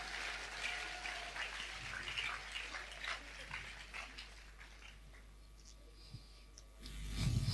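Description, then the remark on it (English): An audience claps together as a clap offering to Jesus Christ in a dense, crackling burst of applause that gradually thins and fades over several seconds, with no voices over it. “Give a big clap offering to Jesus Christ.”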